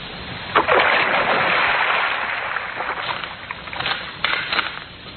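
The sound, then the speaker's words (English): A woman is thrown into a river with a heavy splash, followed by a long rush of churning, lapping water and a few smaller splashes fading out. No one speaks. “Now, into the drink she goes.”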